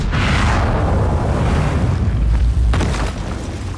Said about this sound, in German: Ein Kanonenschuss zerstört eine Engelsstatue in einer gewaltigen Staubexplosion. Damit beginnt die Oper.